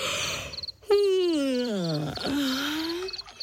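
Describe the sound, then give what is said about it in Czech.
A loud, drawn-out yawning groan, probably a voice imitating a young hippo's yawn, sliding steadily down in pitch for about two seconds while small birds chirp faintly in the background. “Pomyslel si hroch a hlasitě zívnul.”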